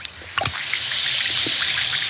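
An Alka-Seltzer effervescent tablet plops into water and immediately breaks into a steady, crackling fizz that stays loud for the rest of the moment, with no voices.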